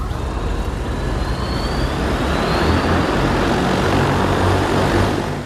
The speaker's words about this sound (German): Es ist der ganze Stolz des chinesischen Unternehmens Ehang, das eigene Flugtaxi. Im kommenden Jahr will man die ersten testweise in China einsetzen. Wirtschaftsministerin Reiche und ihrer Delegation werden sie jetzt schon vorgeführt.